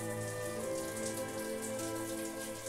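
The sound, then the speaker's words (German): Cool water is poured over Annabelle, an animal with flippers, to lower her body temperature of over 39 degrees; it pours and splashes in a continuous, even patter, like steady rain on a surface, with a sustained tonal hum running underneath throughout. “Das kühle Wasser soll ihre Temperatur von über 39 Grad reduzieren.”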